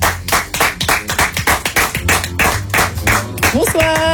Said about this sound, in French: il est l'heure, les amis, de faire entrer le premier duo. Applaudissements pour eux, s'il vous plaît.